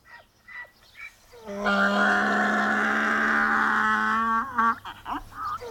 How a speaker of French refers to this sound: Non mais qu'est-ce que c'est? Ce son qui déchire mes oreilles. Mais c'est un âne! Il crie comme ça parce qu'il est attaché.